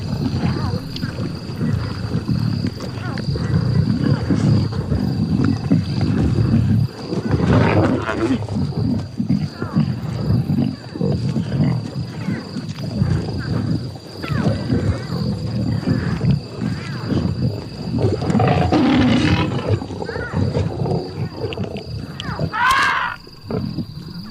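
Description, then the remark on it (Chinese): A pride of lions roars at night, deep rumbling roars rising and falling over a steady low drone and wind, with a few higher grunts and calls breaking through near the end. “狮群传来的动静让大象心烦意乱。”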